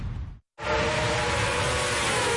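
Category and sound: vehicle, car horn honking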